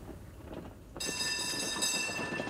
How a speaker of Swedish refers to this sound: Hästar drar fortfarande spårvagnar i Malmö.